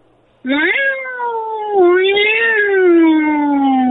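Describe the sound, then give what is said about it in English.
A person yowls like an angry fighting cat, one long loud drawn-out wail that rises, dips and swells again, ending in a sustained siren-like tone. “Okay, let's hear this angry fighting cat.”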